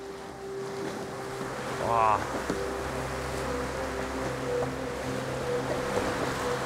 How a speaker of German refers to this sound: Die Wellen sind nicht ohne und der Höhleneingang scheint mir relativ eng zu sein.